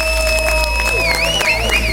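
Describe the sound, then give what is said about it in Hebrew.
An audience applauds and cheers as a finalist composer is called onto the stage in a live broadcast composers' competition final, a steady wash of clapping with shrill whistles that rise and fall toward the end, over sustained musical tones. No one speaks. “על הבמה, תנו לו כפיים!”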